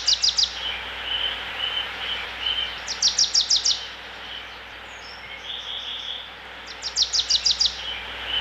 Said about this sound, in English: We also have to mention the beautiful nature that you hear in the backgrounds, the birds, the water, the park. The park surrounding the palace is also unique, right?